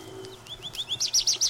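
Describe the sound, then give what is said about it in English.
A songbird sings in spring, a quick series of bright, repeated chirping notes, rising in loudness, each phrase echoing the last against a quiet outdoor background. “Over and over again, it sings the same little musical phrases.”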